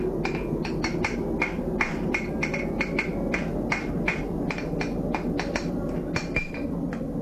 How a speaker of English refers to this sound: You'll hear the sound of the forge and the clipping away.